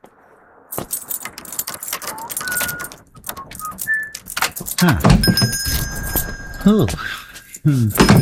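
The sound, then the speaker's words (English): In the radio drama Adventures in Odyssey, a small bell above a shop door jingles as a customer comes in, ringing out with bright, high metallic tones that linger for a couple of seconds amid rustling and door noise, while a few voices make brief exclamations. “You realize, of course, there's a more efficient way to let you know a customer has come in than the employment of that small bell above the door.”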